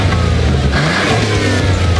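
car engine revving

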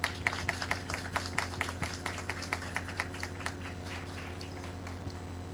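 applause

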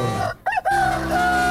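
rooster crowing

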